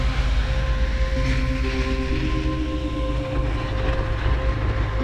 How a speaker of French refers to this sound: On a pris le scooter des neiges, direction le voilier de Linda.